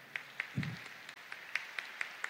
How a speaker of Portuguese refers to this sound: As cabecinhas estão brancas dos nossos coordenadores. Vira para lá. Vamos dar uma salva de palmas de acolhida para eles.